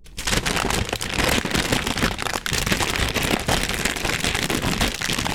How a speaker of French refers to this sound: Et pour terminer, voici quelques sons du papier cristal. Si on l'étire et si on le froisse.